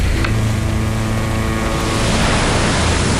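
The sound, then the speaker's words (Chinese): A loud, steady roar of force-7 wind and churning sea waves fills the air, swelling slightly over a few seconds, with a low ship engine hum droning beneath it and no voices, as tugboats tow an energy station platform at sea. “报告总监，大风到来了，风力达到七级。报告总监，流浪加大，能源站平台上空摆动六米，在安全探索之内。”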